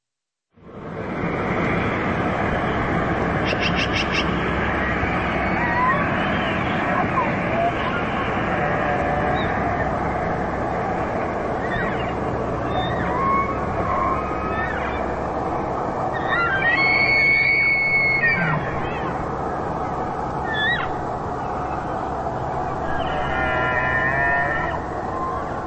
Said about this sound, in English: The sounds of elk vocalizations during their fall migration.